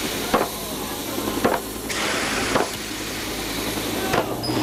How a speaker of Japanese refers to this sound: 宇宙船の扉が閉まり始めました。